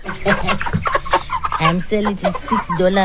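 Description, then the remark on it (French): A flock of broiler chickens on a farm in the village of Machoka, Machingo province, clucks and squawks continuously, many overlapping calls, fairly loud, with no pause across the few seconds. “Je les vends 6 dollars le poulet. Ce sont des poulets de chair.”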